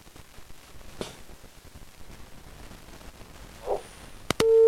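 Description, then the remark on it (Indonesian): Faint crackling line hiss with a couple of clicks, then a loud, steady telephone line tone abruptly starts right at the end as a caller's call fails to connect, with no one answering. “Belum tersambung, kami bacakan dari pesan singkat.”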